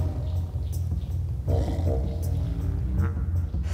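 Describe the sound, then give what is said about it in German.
A tiger grunts and growls, a deep rumbling roar swelling in the middle and trailing off into low, throaty huffs, with no voices present. The tigers have just been let out of their enclosure into the outdoor area. “Also die Tiger haben das Ganze schon mit Spannung erwartet.”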